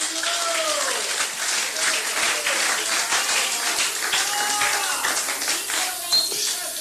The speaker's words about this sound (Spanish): Denle palmas a Cristo esta noche.